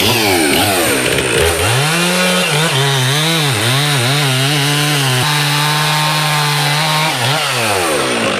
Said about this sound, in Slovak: A zapnete nám ešte tú motorovú pílu, nech si trošku nahrám aj ten zvuk.